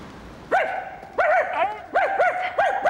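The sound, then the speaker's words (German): A dog named Elvis barks over the phone in several short, mid-pitched yaps that come in quick pairs, fairly loud with no one talking. “Also bitte, ich will wenigstens seine Stimme hören.”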